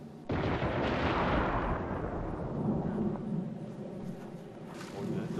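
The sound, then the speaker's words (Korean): A sudden loud crack of thunder breaks into a long, deep rumble that rolls on for several seconds, heavy, with no voices over it, during a severe thunder-and-lightning storm at the Nalati Grassland. “별을 보며 라면을 한번 먹어보려 했는데 천둥번개가 심하게 치는 관계로 지금 실내에서 어쩔 수 없이 실내에서 아쉬움을 달래겠습니다.”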